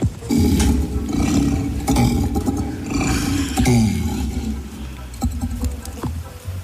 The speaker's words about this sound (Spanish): A ver, un león, un tigre de Bengala, un orangután o una moto gripada. El tigre de Bengala. Tigre de Bengala.